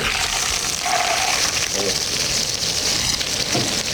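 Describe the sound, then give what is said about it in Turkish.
Hot village butter sizzles as it is poured onto a bowl of soup, a steady, dense crackling hiss that holds for several seconds, with a faint murmur of voices underneath. “Efendim ben sesini duyun diye, o cızırtıyı duyun diye o mikrofonu oraya doğru düzelttim.”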